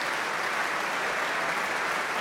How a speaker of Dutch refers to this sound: Staande ovatie. Publiek was zichtbaar en hoorbaar onder de indruk van deze natuurkrachten die we hoorden.